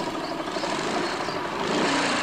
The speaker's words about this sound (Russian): Над лесом пролетает вертолет.